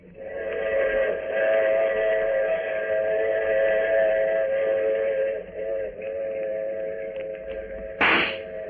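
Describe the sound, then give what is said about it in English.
A train whistle at a station platform sounds in one long, loud, steady blast for several seconds over low rumbling, then a short hiss of steam bursts out near the end. “The train platform was empty, save for Lieutenant Gregg and me.”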